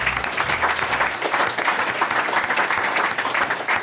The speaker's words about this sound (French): On peut applaudir déjà.